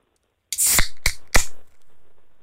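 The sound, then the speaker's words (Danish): A beer can is cracked open: a burst of fizzing hiss followed by three sharp metallic clicks in quick succession, then a faint lingering fizz, with no voices. “Det var en øl. Fuldstændig rigtigt.”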